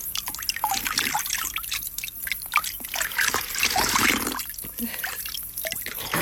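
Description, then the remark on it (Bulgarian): Cold water trickles steadily from a tap at a small spring fountain, with bright drips and uneven splashes as hands scoop it to splash a face and drink, a continuous running flow throughout. “Чекай се наплискам. Чекай. Чекай да пинем.”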